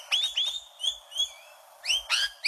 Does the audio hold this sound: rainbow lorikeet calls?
yes